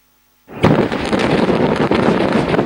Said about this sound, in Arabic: بلحظة اهتزت مرتفعات علي الطاهر ليلا، كتلة نار هائلة ارتفعت فوق المنطقة بعدما فجر الجيش الإسرائيلي شبكة من المنشآت والأنفاق تحت الأرض مستخدما نحو 1100 طن من المتفجرات.